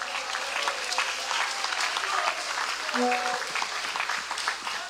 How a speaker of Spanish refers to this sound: Cuando damos palmas al Señor.